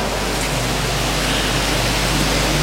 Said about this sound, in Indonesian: Tiba-tiba turunlah dari langit suatu bunyi seperti tiupan angin keras, dan bunyinya memenuhi seluruh rumah tempat mereka berada.